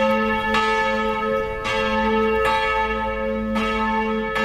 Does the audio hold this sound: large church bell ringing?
yes